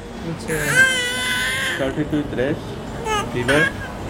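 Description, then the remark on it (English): Infants wail in a crowded, hot and humid hospital ward holding more than double the patients it can handle, while parents rock and fan them: high, strained cries rising and falling in overlapping bursts, with a murmur of adult voices and background bustle underneath. “Some of them are rocking their children to calm them down.”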